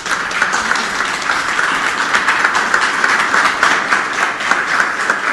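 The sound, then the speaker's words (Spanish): Sustained audience applause welcoming the head of the pedagogical management area at an education event, a dense, steady wash of many hands clapping at a fairly even loudness, with no voices on top. “así que le invitamos a recibir con un fuerte aplauso, por favor.”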